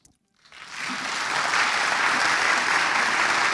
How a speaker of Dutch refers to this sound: Dat is mooi als u daarbij applaudisseert, want alles hoor je op de radio op NPO Klassiek. Ook het stappen van de solisten. Het is mooi als het begeleid gaat door wat applaus.